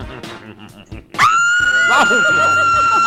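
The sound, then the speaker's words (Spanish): After a moment of talking, a woman who has just won double access to a concert lets out a loud, high-pitched excited scream, holding it steadily for about two seconds while other voices carry on faintly underneath. “A ver, échate otro grito, chica.”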